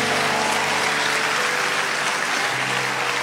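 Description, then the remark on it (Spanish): A church audience applauds God loudly and steadily during a sermon, a dense wash of many hands clapping at once that fills the whole stretch without pause. “Vamos a dar el aplauso fuerte a Dios.”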